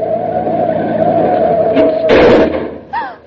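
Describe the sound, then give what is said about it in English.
A car engine drones with a steady whine, then a harsh, noisy burst of brakes and skidding tires as the driver stops quickly rather than run into a taxi cab, followed by a short vocal exclamation. “Would you have preferred to have me run into that taxi cab or stop quickly?”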